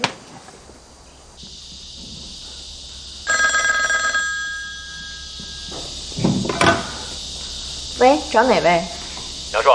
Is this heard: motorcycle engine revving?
no